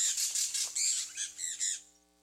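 A bird that Guyanans are working to save gives a rapid run of harsh, raspy squawks, about six or seven in quick succession, clear, with no talking, before trailing off into quiet.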